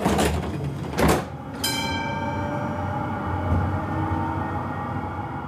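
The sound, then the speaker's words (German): Munich tram doors thud shut with a couple of sharp knocks, then a steady electric motor whine rises in several tonal bands as the tram pulls away, with a continuous low rumble underneath. “Also nehmen Sie bitte Platz, machen Sie es sich gemütlich und dann fahren wir ab.”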